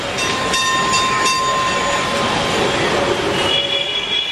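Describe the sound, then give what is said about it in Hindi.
A tram marked for Belgachia rolls along its rails, a steady loud rumble with high metallic wheel squeals and tones, and faint rhythmic clacks early on; no one speaks. “इधर ये ख्याल आया और उधर मुझे एक ट्राम दिखाई दी।”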